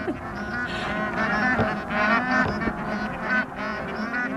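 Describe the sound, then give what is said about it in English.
A flock of geese honks while flying directly over the summit of Mount Makalu, with many nasal, overlapping calls forming a steady, loud chorus that swells and dips over a few seconds with no pauses. “he stands there amazed about seeing these geese flying directly over the summit of the fifth highest mountain on Earth”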